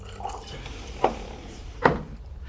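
A woman pours wine into three glasses in two short, gentle bursts about a second apart, each a brief liquid splash against a faint, steady background hiss.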